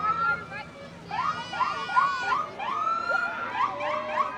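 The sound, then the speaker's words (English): Fire truck sirens wail and yelp in quick rising and falling sweeps, with horns honking, loud and steady over a murmur of background voices and noise, as firefighters come in from the mountains to the edge of Monticello, greeted by about 45 cheering residents. “Some firefighters smile and honk their horns.”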